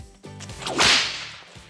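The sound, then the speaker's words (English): A single sharp whip crack, preceded by a quick swishing rush through the air and followed by a brief fading tail. It's loud, with no voices. “Whip crack.”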